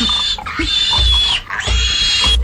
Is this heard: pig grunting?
yes